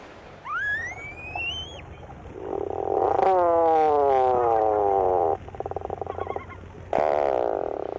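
Tufted puffin groaning: a long, loud, buzzy moan that slowly falls in pitch, breaks into a stuttering pulse, then starts again. A thin rising whistle comes just before it.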